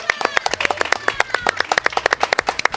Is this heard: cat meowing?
no